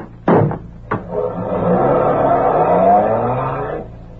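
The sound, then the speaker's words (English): Two quick thumps like car doors shutting, then a car engine revs loudly and steadily for a few seconds as the vehicle drives off, with no voices. “Is that car there?”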